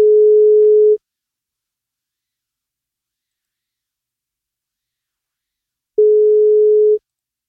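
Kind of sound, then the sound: signal or alarm, telephone ringing tone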